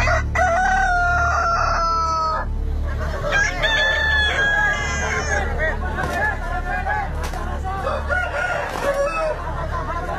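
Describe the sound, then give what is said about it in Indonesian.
Two long rooster crows ring out back to back as fighting cocks are released into a cockfighting arena in Kutai, followed by busy clucking and squawks over a steady murmur of crowd chatter and low rumbling background noise. “Ayam jago kedua belah pihak segera dilepaskan ke arena.”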